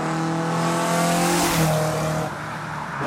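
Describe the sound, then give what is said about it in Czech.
A race car at an automobile race roars past, its engine whine holding a high pitch on approach, then dropping sharply lower as it passes and fades slightly away, a Doppler pitch shift. No voices are heard. “Známe to, myslím, velmi dobře třeba ze zvuku při rychlých průjezdech aut, při automobilových závodech.”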